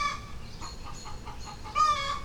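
Chickens cluck in a rapid run of short, regular calls, followed by a louder, drawn-out crowing squawk at the end, over a steady low background hiss, outdoors as it has begun raining.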